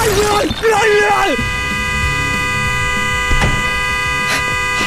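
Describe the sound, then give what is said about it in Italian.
A car horn, set off by a head pressing on it inside the car while people are sleeping, blares in one long, steady honk that holds for several seconds, with voices and shifting tones over the first moments. “Oh, scusi, sposto la testa che fa rumore con il clacson, che c'è la gente che dorme.”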